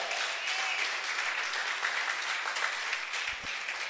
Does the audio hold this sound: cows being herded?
no